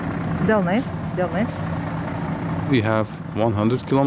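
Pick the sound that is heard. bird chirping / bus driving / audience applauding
bus driving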